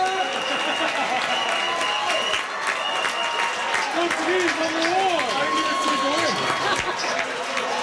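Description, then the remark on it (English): A dense crowd of Portugal football fans at the World Cup cheers and celebrates a big comeback, with loud, sustained shouting, clapping and overlapping voices rising and falling throughout without a break. “Portugal fans were celebrating a big comeback yesterday afternoon.”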